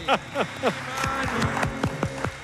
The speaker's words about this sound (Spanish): Este aplauso, sí, profesor, sí, es gracias a mí, a que no he cantado.